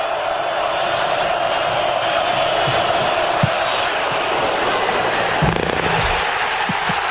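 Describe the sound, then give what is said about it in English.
A football from a field goal attempt clanks sharply off the goalpost during the Ohio State–Iowa game in Iowa City, Ohio State up 10-6, amid a steady, loud stadium crowd roar, with a few more brief knocks breaking through the continuous cheering noise. “You can hear the doink there, and of course you hear the crowd in Iowa City.”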